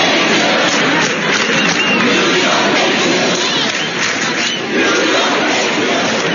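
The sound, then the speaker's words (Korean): A large protest crowd in front of Trump Tower in Manhattan, New York, chants and shouts "New York hates you" ahead of President Trump's visit to an NBA Finals game, a dense, loud roar of many voices that stays steady throughout, dipping only briefly before swelling back up. “트럼프 대통령의 방문에 앞서 대규모 시위대가 맨해튼 트럼프 타워 앞으로 몰려가 뉴욕은 당신을 싫어한다, 뉴욕 hate you를 외치기도 했습니다.”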